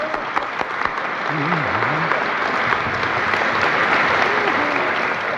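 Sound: hands clapping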